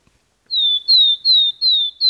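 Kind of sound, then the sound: bird, willow tit slow trill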